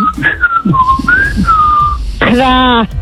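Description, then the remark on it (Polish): A caller driving to work whistles a short, wavering bird-like call meant as a rooster's crow. It glides between a few pitches for about two seconds, then ends with a brief, buzzy voiced note. “Jedzie do pracy i chciałam tutaj kukuryku. Może za gwizdę.”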